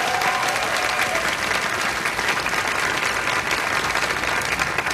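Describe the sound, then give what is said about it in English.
An audience applauds the keyboard player steadily for about five seconds, a dense, even wash of many hands clapping at a constant loudness with no speech over it. “If you want to make some noise for him, I'm sure he would appreciate it.”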